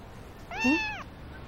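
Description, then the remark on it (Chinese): A single drawn-out meow from a hotel guest's cat, rising and then falling in pitch over about half a second, heard clearly with no talking around it, while a man asks for a room at the hotel desk. “嗯，先生，您的猫啦？”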